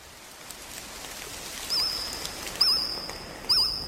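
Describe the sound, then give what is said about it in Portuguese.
An extinct prehistoric insect chirps three times at a steady pace, each call a short, shrill, trilling burst, over a constant soft hiss like rain, part of a prehistoric forest soundscape from the documentary The Dinosaurs narrated by Morgan Freeman. “É um inseto que já não existe.”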